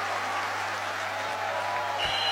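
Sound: audience applause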